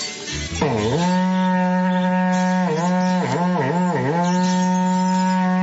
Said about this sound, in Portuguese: e toca o berrante pra eu ir trabalhar. É, quer trabalhar? Vamos que vamos, trabalhar.